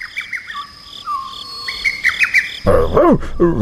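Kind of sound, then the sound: bird, bird chirping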